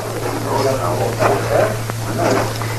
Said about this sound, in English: A dog was moving around, whimpering.